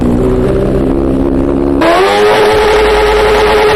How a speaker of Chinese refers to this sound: 随后，民警请来了海淀区环境监测站的工作人员， 他们拿着专业的分贝测试仪，咱们现在测试一下这辆车，就这辆改装过的摩托车，啊，它这排气管咱们点火拧油门的情况下能达到多少分贝？